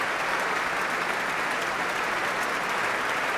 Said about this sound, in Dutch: En zij applaudisseren op hun beurt weer voor Juliana Avdeeva.